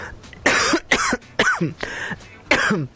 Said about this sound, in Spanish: Perdone usted, estoy con una tos.